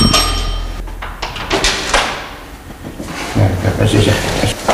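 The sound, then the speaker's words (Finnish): The front door of a home in the Killinkivi housing company in Killinkoski, Virrat, Finland, opens with a couple of thuds and a low rumble, followed by soft rustling and faint background noise. “avaa nyt meille kotinsa ovet.”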